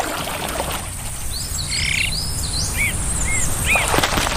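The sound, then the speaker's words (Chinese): Azure-winged magpie calls: a scattering of short, high, slurred chirps, some in quick pairs, over a steady busy hum of background noise like frogs or insects. No one speaks. “蓝尾灰喜鹊会表现出各种群体合作行为。”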